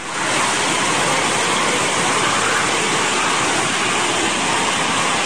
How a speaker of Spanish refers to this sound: Para los amigos que nos están escuchando en radio, las imágenes son bastante fuertes, con estas ráfagas de viento, con esta lluvia, y como también la lluvia pues ha llevado parte de lo que encuentra a su paso en estas calles de Baja California